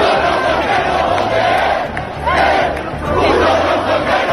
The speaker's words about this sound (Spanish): Esos son algunos de los gritos que hemos escuchado, también estos otros. ¡Comunistas, hijo de puta! ¡Comunistas, hijo de puta!